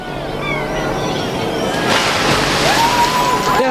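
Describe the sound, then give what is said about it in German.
A crate is thrown into a river, splashing midway through, a broad sloshing burst over a continuous watery background with faint chatter-like tones around it. “Werft die Kiste da drüben in den Fluss.”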